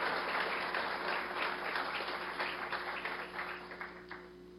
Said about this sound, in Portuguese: Aplaudimos a Deus pela vida dos amados.